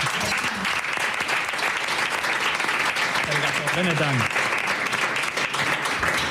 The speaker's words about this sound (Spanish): ¡Buah, qué maravilla! ¡Se merece un aplauso!